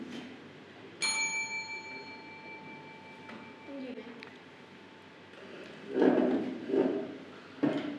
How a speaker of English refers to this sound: If you want to answer the questions, just ring the bell.